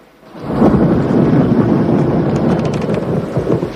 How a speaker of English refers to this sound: A nighttime thunderstorm lights up the sky.